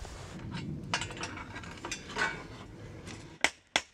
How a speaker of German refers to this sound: Für heute machen sie hier Schluss. Hiers will nur noch seine Sense dengeln.